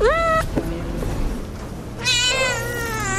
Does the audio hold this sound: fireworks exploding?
no